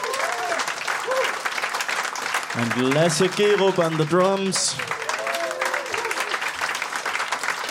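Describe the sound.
Steady audience applause fills the whole clip, a dense wash of many hands clapping, while a man speaks briefly over it through the middle.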